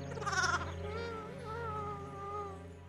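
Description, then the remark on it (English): A lamb, Oscar, with a broken leg, bleats in one long, quavering cry that starts with a harsh, breathy burst and then wavers on a thin, high tone for a few seconds, with no talking. “How does a shepherd mend a broken lamb's leg?”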